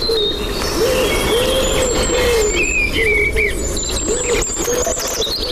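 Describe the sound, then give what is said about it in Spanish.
A Eurasian collared dove coos in repeated soft, rounded phrases, with other birds chirping higher up and a steady hum of outdoor background noise throughout. “Paloma turca.”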